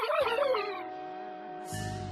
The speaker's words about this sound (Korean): 얘들아, 러블은 괜찮아? 아, 그게 겉보긴 멀쩡해. 그런데 좀 이상한 소리로 짖는데? 우주에서 너무 굶어서 목소리가 변했나?